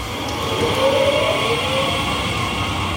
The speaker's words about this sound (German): Zugdurchsagen, bremsende Waggons und das Rollen von Koffern.